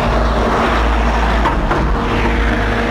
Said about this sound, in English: White car with a big bald geezer in it. Looking hard as nails.